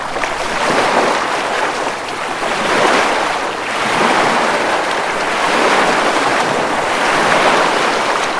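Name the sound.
ocean waves breaking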